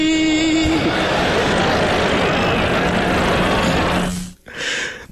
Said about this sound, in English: There's concern in the crowd. There's a buzz. There's laughter.